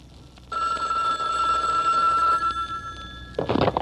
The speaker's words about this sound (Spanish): ¿Aló? Hombre, yo ya ni me muevo cuando suena el teléfono, hombre, ¿para qué?